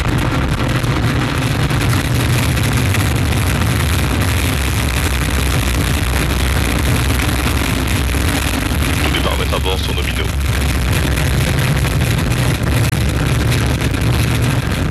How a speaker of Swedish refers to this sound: 8, 7, 6, 5, 4, 3, 2, unité, top, allumage Vulcain. Allumage confirmé. Top, allumage EAP, décollage.